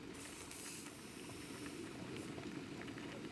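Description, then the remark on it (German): A pot of wild herb tea bubbles at a steady rolling boil, a dense continuous burble with soft hissing on top, fairly loud, with no voices. “Daneben kocht Wildkräutertee für ihren Mann.”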